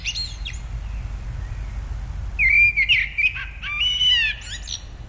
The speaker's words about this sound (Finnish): Ja aamuyöllä kotiin laahustaessaan hän sitten pysähtyi kuuntelemaan mustarastasta ihaillen ja ajatteli, että siinä sitä on lintumaailman laulaja mestari, todellinen taiteilija.